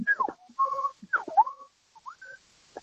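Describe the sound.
A person whistles an imitation of a birdsong, fast swooping and warbling notes in two bursts, then a few short chirps and a final faint peep, with no talking.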